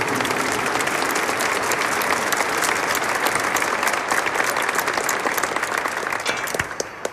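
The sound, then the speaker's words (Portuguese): An audience claps steadily for several seconds in applause for the word of God after a Bible reading, a dense, even wash of many hands that holds its level throughout before thinning slightly at the very end. “Palmas para a palavra de Deus.”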